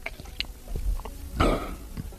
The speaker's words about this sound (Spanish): Tragar saliva. A ver cómo es el sonido de tragar saliva de este hombre.